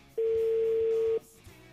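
A single steady telephone tone sounds loudly for about a second, a clean unbroken beep from the line, then cuts off into quiet background hiss.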